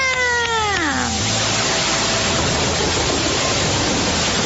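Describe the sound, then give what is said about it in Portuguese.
Heavy rain pours down in a loud, steady hiss that lasts throughout, opening with a brief harmonic tone that slides downward in pitch during the first second. “Agora já está chovendo forte!”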